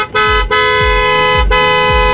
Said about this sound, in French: Alors, il s'agit d'un klaxon de voiture.